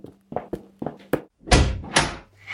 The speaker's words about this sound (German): Ich gehe und öffne die Tür.